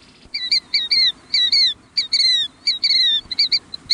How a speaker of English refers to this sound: That's a killdeer, one of the most widespread and commonly seen shorebirds in North America. It's a handsome bird with a brown back and a distinctive pair of black bands across its white breast.